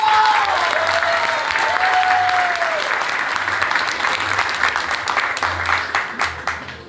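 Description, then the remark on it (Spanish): Sustained audience applause for the Alianza B candidate after her score of 110,000 points is announced, a dense wash of many hands clapping steadily, with a couple of rising whistles cutting through early on and the clapping thinning out toward the end. “Le pedimos un aplauso.”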